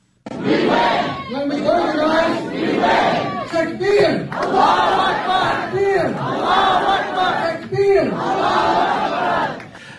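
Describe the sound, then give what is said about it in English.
At an election campaign rally in New Jersey, a large crowd chants "Allahu Akbar" (Takbir) in loud unison, the shouted phrase repeating in rhythmic waves roughly every two seconds, with voices swelling and overlapping throughout. “at this campaign rally, they are yelling Allah Akbar.”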